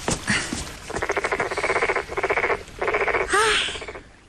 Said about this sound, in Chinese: 蛤蟆大哥，难怪那王玉烦你呢，还真是有点闹人呢。